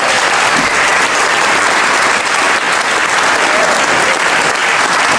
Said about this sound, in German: Ich denke, das ist ein Applaus wert. Herzlichen Dank.